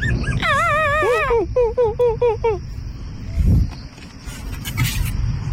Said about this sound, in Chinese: 两只小狗，我来听一下它的声音啊。